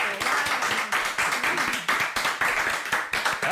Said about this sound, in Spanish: que ya damos un fortísimo aplauso, claro, por esta...